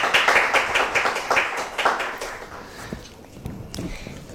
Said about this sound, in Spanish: Un aplauso para él.